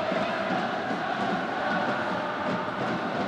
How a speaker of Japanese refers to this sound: 1対1同点です。大声援は変わりません。両チームのサポーター、東京ダービーです。